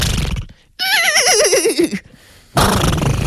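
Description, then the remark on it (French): A person imitates a horse whinny, a loud, quavering cry that wobbles downward in pitch for about a second, framed by brief bursts of noisy sound before and after. “Après il faut que je fasse le cheval pendant 45 minutes.”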